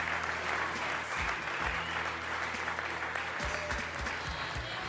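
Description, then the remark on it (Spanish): An audience claps hands together as an offering of applause to Christ Jesus, in sustained, dense clapping, steady and fairly loud throughout, with a faint low hum and occasional thumps underneath. “Una ofrenda de palmas a Shabbat, Cristo Jesús, hermanos.”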